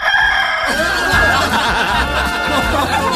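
A dense, steady chorus of poultry: roosters crowing over a busy layer of hens clucking, fairly loud, filling the whole few seconds without a break.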